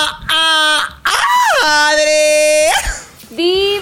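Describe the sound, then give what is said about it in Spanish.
Loud, high-pitched excited screaming: a short shriek, then a long drawn-out squeal that swoops up and holds, and another quick cry at the end. “Amo ese grito, porque sé que vamos a poder, ay, conversar delicioso.”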